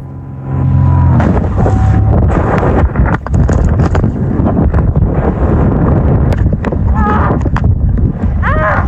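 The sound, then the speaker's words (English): A loud, steady roar of wind buffets the microphone with heavy low rumble and gusty crackling as a glider pilot plummets toward the ground after a small plane crashed into her glider and tore it apart. She wrestles with her equipment, trying to deploy her emergency parachute, with a few short, strained vocal cries near the end. “She began plummeting toward the ground, wrestling with her equipment, trying to deploy the emergency parachute. Wasn't going well there, as you could hear.”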